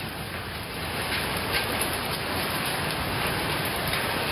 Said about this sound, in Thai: เขาโพสต์คลิปเป็นซอยลาดพร้าว41ครับมีทั้งฝนแล้วมาด้วยลูกเห็บเต็มเลย